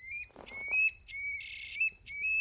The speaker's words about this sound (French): Une grive musicienne. Attends, Al, je te repasse son chant.